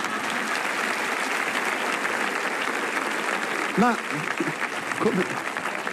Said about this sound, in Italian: Potete applaudirvi.